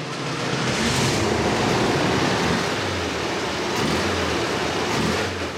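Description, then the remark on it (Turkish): A carbureted car engine, just fitted with new huge carburetors, distributor and exhaust, runs steadily and loudly, a dense rumbling exhaust roar mixed with a broad rushing carburetor intake hiss that holds for several seconds without pauses or voices. “Egzozdan çok iyi geliyor ama o devasa karbüratörlerden de çok güzel bir emiş sesi var.”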